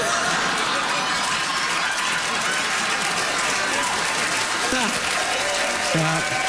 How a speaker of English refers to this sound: Clap. Pretty good. Pretty good.